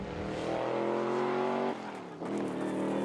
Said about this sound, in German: Was er damit meint, zeigt er mir auf einer kleinen Spritztour. Einmal richtig Gas geben.